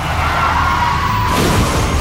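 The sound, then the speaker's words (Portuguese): A sustained squealing tone of a skidding car cuts off into loud, dense crunching noise as the car crashes and rolls over. The sound is continuous, with no talking. “Chefe está capotando.”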